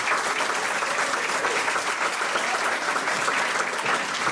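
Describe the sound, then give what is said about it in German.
A studio audience at Radio 1 claps steadily for several seconds for guest actor Jan Kraute, a dense, even wash of applause at a consistent loudness with no voices rising above it. “Nochmal einen herzlichen Applaus, bitte.”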